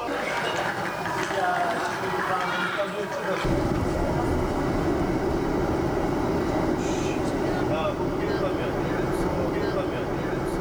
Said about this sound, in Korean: 고구려 역사의 숨결이 느껴지는 장소에서 밤기차를 타고 이동한 대원들.